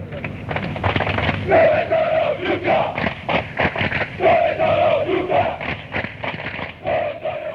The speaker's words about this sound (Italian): questa si grida alla tifoseria avversaria quando loro non si presentano lì, o quando sono in pochi, o quando arrivano tardi, o quando non ci sono davvero.